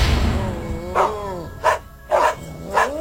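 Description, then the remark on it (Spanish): Dogs barking in a series of four sharp, evenly spaced barks at moderate loudness, over a low background rumble, with no one speaking. “¡Otra vez esos malditos perros! Voy a salir al patio a callarlos.”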